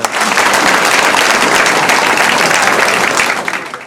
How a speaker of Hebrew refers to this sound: כן, אפשר כפיים, כן.